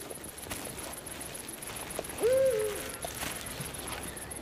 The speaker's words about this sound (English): Next door, an uninvited guest with deadly claws lurks, itching for prey, an eagle owl.